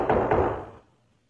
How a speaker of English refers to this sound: I must admit, there's sometimes I hear a knock on the door.